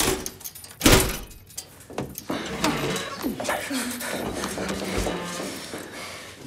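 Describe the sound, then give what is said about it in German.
A door is unlocked and pushed open, with a sharp metallic clunk near the start followed by shuffling and creaking, while muffled voices talk in the background. “Komm mit. Schließ auf.”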